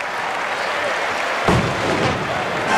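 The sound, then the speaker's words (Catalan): Firecrackers set off to celebrate Barça's 2-1 win over Lazio in the 2026 Joan Gamper match go off over a steady roar of a crowd, with one sharp, loud bang near the middle followed by scattered cracks fading into the broad noise. “I se celebra la victòria amb uns petards que ens ha agafat un moment.”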